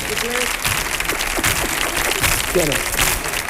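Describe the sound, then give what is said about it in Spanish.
Sustained audience applause during El show del comandante Lara on Canal Sur Radio, a dense steady clatter of many hands clapping at even loudness, with a few brief voices calling out over it. “un aplauso.”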